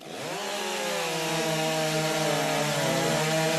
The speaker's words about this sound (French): important pour commencer ce parcours du World Trophy, bien c'est la prise en main sur cette tronçonneuse et l'attaque de cette rondelle qui doit être réalisée dans la limite fixée sur ce billon de bois.